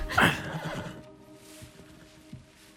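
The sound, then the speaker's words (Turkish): A single loud horse whinny bursts out at the start, a quavering neigh that trails off within a second, followed by quiet background with a few soft thuds. “Eğer şu atı çalacaksan ilgilendirir.”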